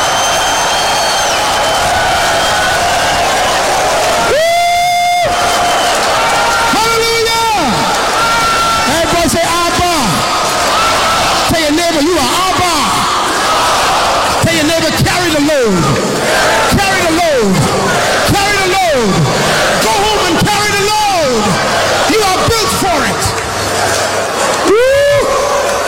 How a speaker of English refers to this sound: Come on, scream if you got the revelation.